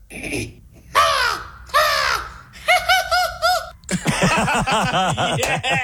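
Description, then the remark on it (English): A person imitates an American crow: two long, harsh caws, then a quicker run of shorter caws and a rapid burst of clipped calls, all loud with no talking. “So if you could give us the American crow, that would be great.”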